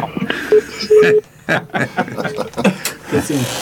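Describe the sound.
A mobile phone rings with a few short, steady electronic tones, moderately loud, partly buried under people talking and chuckling.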